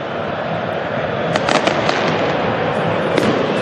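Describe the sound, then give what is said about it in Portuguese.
Fireworks crackle and pop in quick bursts over a dense, steady roar of Corinthians fans at the Neo Química Arena (Itaquerão) football stadium, waving flags and making noise as they wait for the team to take the field, with several sharp bangs standing out after the first second. “Ainda com fogos para lá e para cá, a torcida do Corinthians, todo mundo com a bandeirinha do Corinthians na mão, chacoalhando a bandeirinha e fazendo barulho, esperando o timão que vem para campo daqui a pouquinho.”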